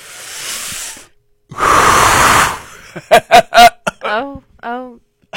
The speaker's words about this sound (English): Okay, no more deep breaths now. Yeah, we're done with that now. No more breathing exercises. No more breathing.